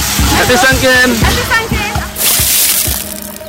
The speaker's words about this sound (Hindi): लोग एक दूसरे पर बाल्टियां भर भर कर पानी डाल रहे हैं।